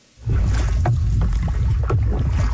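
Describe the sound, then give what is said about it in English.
Water sloshes and splashes steadily around a canoe as a group of teens from Lloydminster paddle down the North Saskatchewan River in Western Canada on a commemorative canoe trip, with irregular paddle strokes and a low rumble of wind and current, fairly loud throughout. “A group of teens canoed their way along the North Saskatchewan River.”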